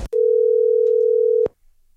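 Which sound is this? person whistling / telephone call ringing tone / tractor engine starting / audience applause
telephone call ringing tone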